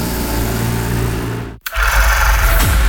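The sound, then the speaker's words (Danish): A loud engine roars at full throttle, cuts out abruptly for a split second, then surges back just as hard, a tractor straining during a pull at the Danish tractor pulling championship at Linde Pulling Arena, Linde near Randers, Denmark. “Danmarks vildeste hestekræfter samles til DM i traktortræk på Linde Pulling Arena”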